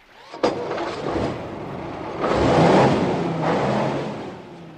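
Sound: car engine revving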